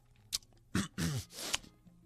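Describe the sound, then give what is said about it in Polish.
Wet chewing and smacking mouth noises mixed with muffled voiced sounds of someone talking with a mouth full of porridge, in a few short bursts. “a kaszkę jem.”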